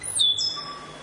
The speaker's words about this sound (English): The stitch bird.